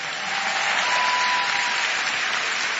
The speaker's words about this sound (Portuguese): Muito bem, vamos aproveitar para pedir um forte aplauso para todos os vencedores esta noite. Parabéns a vocês.